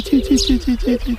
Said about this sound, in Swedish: Ja, det var gravande också där.